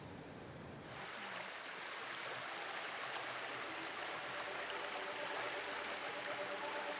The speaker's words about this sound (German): Im Stadtpark von Wegberg wieder ein Wasserblick. Die entsprechende Internetseite sagt, hier fließt die Schwalm, die man vor einigen Jahren naturnah umgestaltet hat.